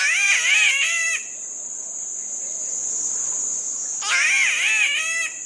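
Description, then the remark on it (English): A spotted catbird, nearly a foot long and emerald green with white spots, gives two harsh, wavering, cat-like wails a few seconds apart, loud, over a constant high buzz of insects. “Like its neighbor, the spotted catbird, that's nearly a foot long and emerald green with white spots.”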